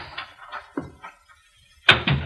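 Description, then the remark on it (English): A house's front door shuts with a solid, fairly loud thud near the end, after a few soft shuffling knocks and handling sounds in otherwise quiet surroundings. No one speaks. “someone just come into the house. I heard the front door close.”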